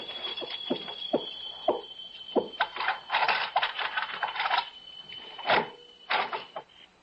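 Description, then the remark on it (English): Keys jingle and scrape as someone unlocks a locked door, with a series of sharp metallic clicks and rattles spread over several seconds, no voices. “Oh, locked. Keys.”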